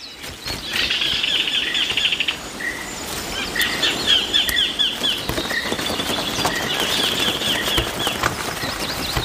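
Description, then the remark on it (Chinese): A parent bird's wings flap in a rapid, fluttering burst as it takes off from a stream to hunt for prey in its one-kilometre-long territory, with thin high chirps and a steady rustling, pattering background throughout. “亲鸟飞走了，在一公里长的领地范围内寻找猎物。”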